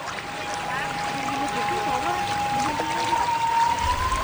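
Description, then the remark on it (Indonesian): A steady, continuous rush of hot spring water pouring from a spout at an old mosque in Nagari Pariangan, the water coming directly from Mount Merapi, constant throughout, with a thin sustained tone and faint background voices underneath. “Yang semakin membuat masjid ini unik adalah terdapat pancuran air panas langsung dari Gunung Merapi.”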